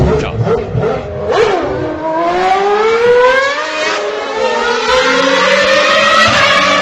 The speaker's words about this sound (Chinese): 这又是王阿姨店里的广汽传祺又出发了啊！这发动机声音。